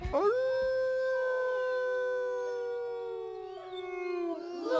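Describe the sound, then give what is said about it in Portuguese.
A single long wolf howl at night holds a steady, slightly falling pitch for nearly five seconds and rises again at the end. It is loud, over a faint low hum, with no talking. “Já o Chico tinha saído quando o uivo prolongado cortou a noite.”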